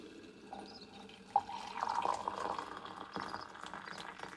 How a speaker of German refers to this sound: Das werde ich jetzt auch machen. Ich koche ein wenig Wasser und gieße es über die Apfelschalen.